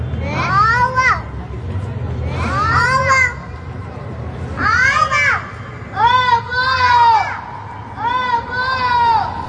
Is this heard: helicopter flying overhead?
no